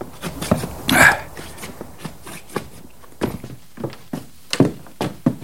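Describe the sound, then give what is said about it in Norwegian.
Boots stamp heavily and repeatedly to knock off snow before entering a cabin, a run of about a dozen dull thumps in an uneven rhythm, with a louder scuffing burst near the start. “Du, da tramper vi tår snøen før vi går inn.”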